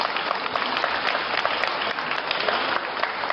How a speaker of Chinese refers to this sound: 朋友，这掌声都是给你的。 这是给我的呀。